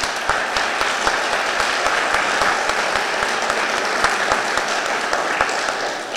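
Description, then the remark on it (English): Steady applause from the audience at an Idaho political debate, a dense wash of many hands clapping at once, holding at an even, fairly loud level for several seconds with no voices standing out. “No more applause.”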